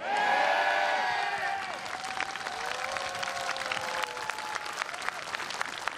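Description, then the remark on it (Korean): At a lighting ceremony, a crowd claps steadily and densely throughout before a performance, with loud cheers and high whoops in the first couple of seconds that taper off while the applause keeps going. “네, 근데 여기 계신 분들의 큰 박수와 호응이 있어야 오늘의 무대가 완성되는데요.”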